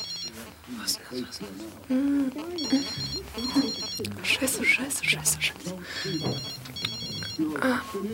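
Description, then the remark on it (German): A mobile phone rings from inside a handbag in an apartment in repeated high, buzzy bursts with short pauses between them, while a person talks over the ringing. “Das Klingeln des Handys musste aus ihrer Handtasche kommen.”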